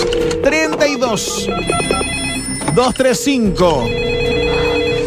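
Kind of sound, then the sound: signal or alarm, telephone ringing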